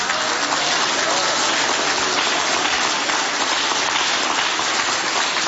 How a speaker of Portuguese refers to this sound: Dê um aplauso para o Senhor.